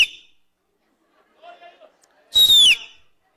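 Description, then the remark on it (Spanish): A person imitates an eagle's cry with a single loud, shrill screech that slides downward in pitch, preceded by a faint, brief vocal murmur. “Y el águila le hacía...”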